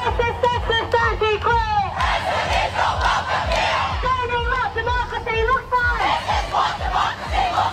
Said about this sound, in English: a big crowd of students protested in Civic today against Pauline Hanson and One Nation's policies